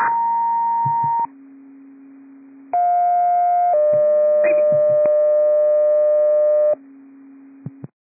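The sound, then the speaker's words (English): Loud radio dispatch alert tones, sent to unit Med 5-5 by dispatcher error: a sequence of long, steady electronic tones stepping between high and low pitches, each held a second or several, with faint clicks and static between them and no voices. “Med 5-5, disregard tones, dispatcher error.”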